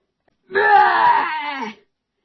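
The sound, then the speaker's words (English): Warped, dragging tape playback from a cold-battery boombox: one loud, drawn-out moaning wail of about a second, its pitch wobbling and sagging toward the end before cutting off. “Yeah, it turns out that if you have a boombox and the batteries are very, very, very cold, when you turn the tape on, it sounds remarkably like a bear outside eating your cat.”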